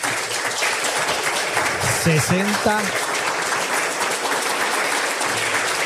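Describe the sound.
Steady, loud applause for a couple married 60 years on the radio programme Sentir Asturias, a dense rattle of many hands clapping, with a brief voice or cheer rising over it around the middle.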